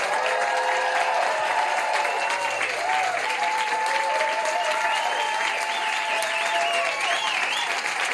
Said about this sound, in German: heute Abend unter uns zu weilen, wir eine kleine Live-Stimmung nach Hause zaubern können, in die Badewanne, aufs Klo, ins Wohnzimmer, wo auch immer Sie uns hören, würde ich euch bitten um einen freundlichen, frenetischen Applaus für uns und für euch.